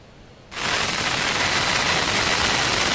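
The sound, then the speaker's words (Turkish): A military helicopter's rotor roar bursts in abruptly after a brief quiet moment, then holds as a loud, steady wash of noise with no voices, as US forces lower soldiers by helicopter onto the deck of a flagless oil tanker in the Indian Ocean. “Askerler helikopterle güverteye indirildi.”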